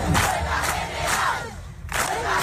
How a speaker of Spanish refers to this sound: Es el sonido de la asamblea, lo escuchábamos en portada, organizada ayer en Las Palmas de Gran Canaria por la plataforma Derecho al Techo. Van a acampar en la plaza de la feria de la capital Gran Canaria, al menos hasta este viernes.